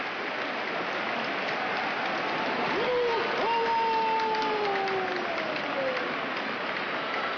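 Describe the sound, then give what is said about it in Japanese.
A large sumo arena crowd applauds and cheers in a steady, dense roar as wrestler Fujinokawa receives the prize money after his win by yorikiri, with a long drawn-out shout briefly rising above the noise midway. “大喝采の中懸賞金を受け取った藤の川。”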